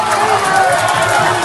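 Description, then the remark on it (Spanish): A dense, steady roar of a crowd cheering at a street celebration by a park fountain after Spain won a football final, many overlapping voices shouting and calling out at once, loud and continuous throughout. “Ayer mismo, celebración de calle, por supuesto.”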